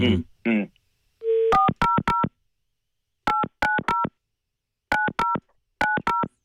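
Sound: telephone keypad dialing tones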